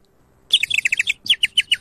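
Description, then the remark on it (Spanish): A person imitates a little bird, whistling a quick, bright bird-like chirping, a rapid run of high tweets followed by a few more spaced-out chirps, clear with no talking. “Si podés hacerme el pajarito”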